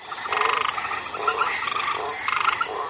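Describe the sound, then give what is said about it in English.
A White's tree frog, a species from Australia, croaks in short, raspy pulsed bursts that repeat every second or so, fairly loud, over a steady high-pitched chorus of insects in the background. “There is a species of frog called the White's tree frog from Australia, which has a kind of chemical in its skin that has been used in HIV experiments that's been shown to reduce HIV transmission to T cells.”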